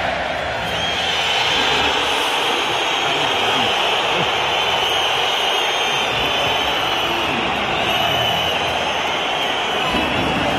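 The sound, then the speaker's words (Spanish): A large stadium crowd of Atlético de Madrid fans boos Julián Álvarez as the stadium announcer introduces him, a dense, steady wall of booing threaded with shrill whistles that holds at full volume throughout, with no break or single voice standing out. “Aquí está el abucheo de la afición del colchonero a Julián Álvarez.”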